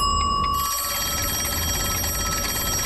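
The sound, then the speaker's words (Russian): A kitchen timer rings, signalling that a pie is done, with a rapid, continuous metallic trill, bright and steady, kicking in after a brief moment and sustaining at full loudness to the end. No one speaks. “Батюшки мои, это же таймер звенит.”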